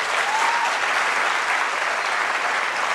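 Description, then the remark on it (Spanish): A church audience claps steadily for the Lord, dense applause at a constant loud level for the whole stretch, with no voices rising above it. “Sí, dale un aplauso, Señor, por eso.”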